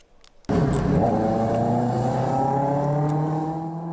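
A loud engine-like roar bursts in after a brief quiet moment and holds steady, its pitch climbing as a group of two-wheeled electric vehicles race on a late-night city road with sparse traffic in Chengdu, with no voices present.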